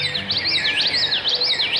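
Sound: bird song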